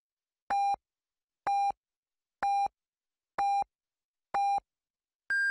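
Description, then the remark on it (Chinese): A radio hourly time signal on Yicai (第一财经) radio marking 18:00 Beijing time: five short, evenly spaced beeps about a second apart, followed by a higher-pitched final beep marking the hour. The tones are clear and loud, with no talking. “北京时间18:00，第一财经广播提醒您准确对时。”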